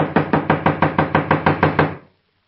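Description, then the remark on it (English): A rapid, steady run of about eleven firm knocks with the knuckles on a door, fairly loud, lasting two seconds before stopping abruptly into silence. “I'm wearing out my knuckles on this door. Well, try the bell. I did. Not working, as usual, in these places. Well, knock again.”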